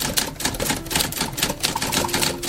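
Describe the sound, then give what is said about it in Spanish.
Rapid, steady clacking of the keys of a typewriter more than 40 years old, outside the tax agency in Ciudad Obregón, struck in a quick irregular rhythm with sharp bright taps throughout, no voices. “Mientras la mayoría de los trámites hoy se realizan con unos cuantos clics, afuera de la agencia fiscal de Ciudad Obregón todavía resuenan las teclas de una máquina de escribir que tiene más de 40 años de historia.”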